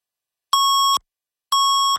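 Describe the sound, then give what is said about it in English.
Two identical electronic beeps, each steady and about half a second long, separated by a brief silence, clean and loud like a radio time signal tone, marking the time on a Toronto news radio broadcast. “680 News Time at the beep.”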